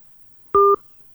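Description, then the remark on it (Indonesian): A single short, loud electronic telephone tone, a steady two-pitch beep lasting about a quarter second, sounds on an otherwise quiet line after a phone call is cut off, with no one speaking. “Terputus. Ulangi lagi. Silahkan, ada dua line telepon.”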